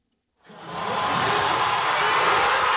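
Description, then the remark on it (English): A watch party crowd in Toronto watching Canada's World Cup match against South Africa erupts into wild cheering after a brief moment of silence, the dense, loud roar of many voices swelling quickly and holding steady to the end. “At a watch party in Toronto, the crowd goes wild.”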